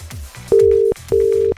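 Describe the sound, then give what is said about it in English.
An outgoing phone call's ringing tone as the Original 106 radio station phones a workplace: two loud, steady buzzing bursts in quick succession, clear, with no voices over it. “I've put in the number. Let's do this.”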